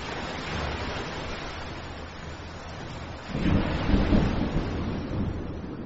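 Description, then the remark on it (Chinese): Heavy rain pours at sea in a steady, dense hiss, and partway through a deep rumble of thunder swells beneath it before settling back into the downpour. “哎，阿峰怎么变得那么大，还下起大雨，哎，现在是什么状况啊？”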